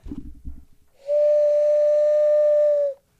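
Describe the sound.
A person imitates an owl call, copying the owl in a Morar Construtora advertisement, with one long, steady, fairly high whistled note held for about two seconds, loud and unwavering, after a moment of low rumbling noise.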